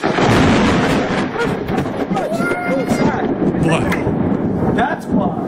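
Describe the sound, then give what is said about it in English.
Loud, booming thunder from a lightning strike, recorded on a Ring camera, rolls on for several seconds as a heavy rumble, with excited voices shouting faintly underneath. “So lightning proving his point”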